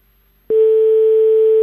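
After a moment of silence, a telephone ring tone starts abruptly as a prank call is placed to a hotel: one steady, unbroken electronic note at a single mid pitch, loud and holding to the end with no voices.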